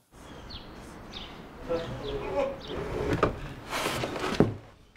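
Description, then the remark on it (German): An old, loose wooden door of a former wool spinning mill in Bad Segeberg, Germany, rattles and clatters in a few short, uneven bursts, knocking in its frame against a faint background hiss. “Der Zahn der Zeit hat an dieser Tür genagt. Hier, das ist Lose.”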